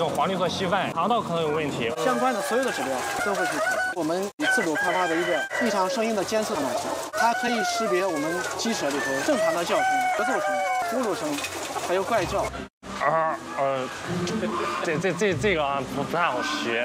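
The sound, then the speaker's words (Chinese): A dense, loud chorus of many caged chickens calling at once at a breeder chicken farm in Shijiazhuang, China, as an AI veterinarian robot collects and analyzes their calls with a pickup: overlapping clucks, squawks and rooster-like crows, continuous with two brief dropouts. “在石家庄的氮种鸡养殖场，这位AI兽医像一只安静的小哨兵，沿着鸡笼缓缓滑行，用摄像头盯着鸡的模样，用拾音器收集分析鸡的叫声，还用传感器记下温湿度等环境情报。”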